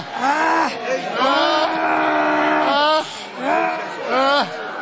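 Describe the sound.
An audience shouts together to Jesus while demons are being cast out, many raised voices overlapping in loud, sustained cries that rise and fall in pitch, surging in waves with brief dips for about five seconds.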